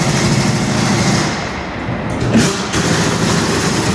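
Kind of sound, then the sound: tool, removing wheels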